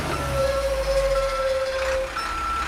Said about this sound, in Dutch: En zoals je hoort, eventjes de vrachtwagen achteruit zetten.